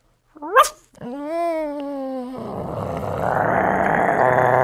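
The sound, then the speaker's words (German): A person imitates a small dog: a quick high yip, then a sustained whining tone, followed by a rough, raspy growl that grows steadily louder as the imitated dog gets bigger, until the end. “Ein kleiner Hund.”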